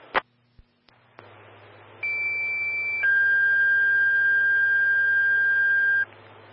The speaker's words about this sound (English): Stand by for tones on alarm.